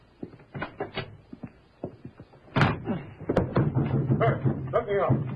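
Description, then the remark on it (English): A door shuts with a solid thud midway, preceded by scattered footsteps and small knocks, then muffled voices continue. “This way. Through that door.”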